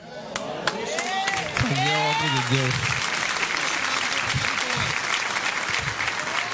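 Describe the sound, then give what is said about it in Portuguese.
A church audience breaks into steady, loud applause of victory for Jesus that fills the whole stretch, with a few raised voices calling out over the clapping early on. “As palmas de vitória para Jesus.”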